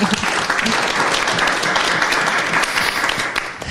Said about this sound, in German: Ein Applaus.